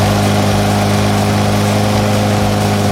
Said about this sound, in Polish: Kosiarka. A, to jest kosiarka. Od godziny 6 rano pod blokiem koszą trawę.